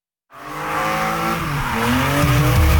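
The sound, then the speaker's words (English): After a brief silence, NASCAR Canada race cars roar past loudly at Calabogie Motorsports Park with high, screeching tire squeal. Engines drone steadily and climb in pitch toward the end, with no talking. “NASCAR Canada takes over Calabogie Motorsports Park July 18th and 19th. Experience wall-to-wall racing, high-speed action, and non-stop excitement on their stadium circuit.”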